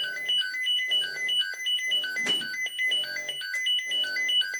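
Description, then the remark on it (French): Repeating electronic alert tones at a fire station, sounding to notify firefighters of an emergency call-out, in a steady, rhythmic pattern of bright, loud beeping bursts, with a brief clatter partway through and no one speaking. “Ça fait sonner des bips pour que les pompiers soient informés.”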